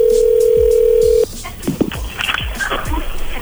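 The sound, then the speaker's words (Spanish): A telephone line hums with a steady, mid-pitched dial tone for about a second before it cuts off, followed by scattered clicks, thumps and faint chirping tones as the call is redialed. “A ver, márcale de nuevo.”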